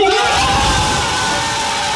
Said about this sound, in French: L'annonce de son nom, les cris de ses coéquipiers ont été à la hauteur de la joie d'Esteban Le Poll.